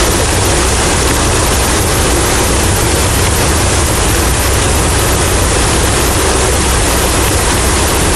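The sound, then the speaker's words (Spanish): Floodwater from heavy rain rushes down a city street in Romero Vargas, which has turned into a river carrying garbage, plastic containers and stones. It makes a loud, steady roar, a dense continuous wash of churning water that never lets up, with no voices heard. “se convirtió en un verdadero río, arrastrando a su paso una gran cantidad de basura, recipientes de plástico y hasta piedras.”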